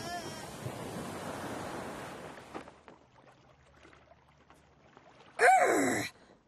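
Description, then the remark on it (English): Waves on a rough sea surge in a broad, washing roar for a couple of seconds, then fade to quiet with faint creaks before a short, loud burst of splashing water near the end. “Roll with the waves, me hearties! Roll with the waves!”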